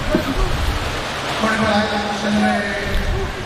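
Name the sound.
audience applause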